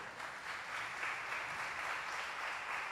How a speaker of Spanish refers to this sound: ¿Hay algún maestro que haya venido a misa? Ah, mira, aquí hay algunos. Fuerte el aplauso.